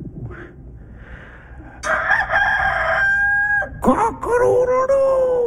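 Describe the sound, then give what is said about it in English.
A voice imitates a rooster's crow, calling "Cock-a-doodle-doo!" in two loud, drawn-out calls, the first long and strained, the second sliding up and then holding, after a quiet start. “Cock-a-doodle-doo!”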